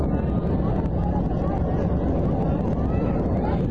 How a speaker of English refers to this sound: Sounds like a roller coaster. It really does. Okay. flying. Sounds like you can hear the plane going down.